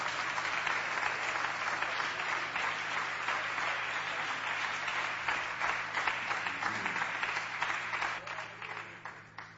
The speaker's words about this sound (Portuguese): As palmas são fortes para Jesus.